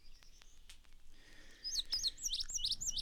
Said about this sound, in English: Vesper Sparrow.